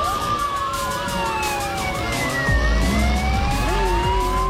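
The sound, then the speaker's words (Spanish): A traffic police car's siren wails loudly, its rising and falling tones overlapping as the vehicle passes, with a deep engine rumble swelling partway through. “Una móvil de tránsito.”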